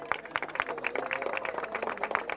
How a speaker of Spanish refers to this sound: Se escuchan los aplausos de todos los beneficiarios.